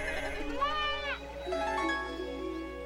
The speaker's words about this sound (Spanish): Ya no estamos en el interior de una cueva, sino a la intemperie en medio de un rebaño de ovejas que está pastoreando.